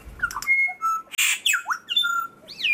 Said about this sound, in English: So I've grouped them all into about 700 types, which means then I can look at how a song is made up. Well, each syllable now has a label, which means I can compare two birds and see if they are singing the same type or not.